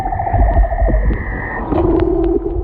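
A male leopard seal's underwater mating-season song: long, steady tonal calls that shift from a high whistle to a lower droning hum, over a constant low watery rumble, with no voices.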